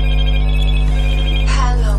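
A cell phone ringtone plays loudly and steadily, sustained electronic tones over a low hum, with a brief rising flourish near the end and no talking.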